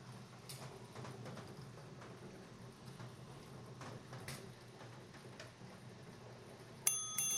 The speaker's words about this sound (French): Ah, voici la cloche. Et comme vous le savez déjà, ben, ça indique qu'il y a un ou des appels entrants.